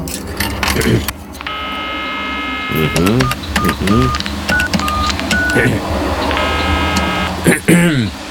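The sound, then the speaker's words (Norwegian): A steady electronic telephone tone sounds for about two seconds, then a few short keypad beeps follow as someone dials a call to buy shoes, and another sustained tone comes near the end, with voices talking underneath throughout. “Jeg ringer for å kjøpe sko, men ikke til meg selv.”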